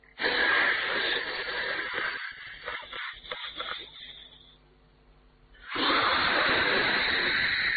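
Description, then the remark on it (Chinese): A voice imitates a long, forceful hiss of exhaled cigarette smoke, likened to a train letting off steam, breaking into a few breathy puffs, fading to quiet, then a second loud, steady hiss bursting out and holding to the end. “像火车冒气似的，这口烟喷出来，呵，当时精神来了。”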